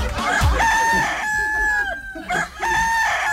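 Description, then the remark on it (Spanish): A rooster crows loudly, two drawn-out calls in quick succession, with chickens clucking around them and no talking. “Ya, anda, pisa la gallina que la está agarrando el pato.”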